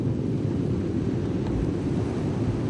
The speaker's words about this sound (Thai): เรือกอและคู่ชีพถูกติดเครื่องเพื่อบ่ายหน้าสู่ท้องทะเลกว้างลำแล้วลำเล่าเป้าหมายคือฝูงปลาที่อยู่ในรัศมีห่างฝั่งประมาณ5กิโลเมตร